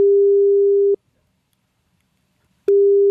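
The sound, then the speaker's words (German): A phone's ringing tone on an outgoing call from the radio station SR3 Saarlandwelle to Bildungszentrum Kölke in Gindorf: a steady, clear low beep lasting about a second, a pause of nearly two seconds, then the tone starts again. No one speaks. “Einen Zettel, den er dann genutzt hat, um zu telefonieren. Das hat er gemacht. Er hat angerufen.”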